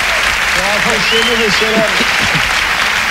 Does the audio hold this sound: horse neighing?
no